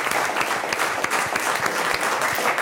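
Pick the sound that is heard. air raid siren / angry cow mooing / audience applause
audience applause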